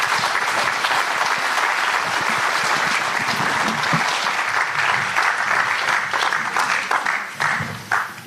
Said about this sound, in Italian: glielo fate un applausone